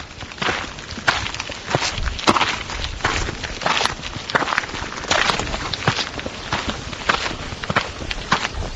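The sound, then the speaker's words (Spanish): Steady footsteps crunch along a mountain forest trail, shifting between soft earth, rustling dry leaves and harder stone, each step clear at an even walking pace with no voices. “A medida que avanzamos, el suelo cambia. Tierras, hojas, piedra”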